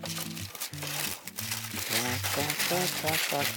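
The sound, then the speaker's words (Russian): Baking paper crinkles and rustles steadily for a few seconds as excess paper is cut for a baking tray, while voices talk over the crisp, papery noise. “Только для начала нам нужно отрезать лишнюю бумагу.”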